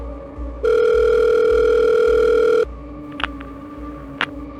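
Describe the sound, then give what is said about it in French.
A telephone call from a young woman rings at the Montpellier police services, once with a loud, steady electronic tone lasting about two seconds, then a couple of faint clicks follow over a soft, low rhythmic pulsing. No one speaks. “Les services de police de Montpellier vont recevoir un appel téléphonique d'une jeune femme qui indique qu'elle a reçu des appels désespérés de sa sœur, disant qu'elle avait été enlevée et qu'elle était séquestrée dans le coffre d'une voiture.”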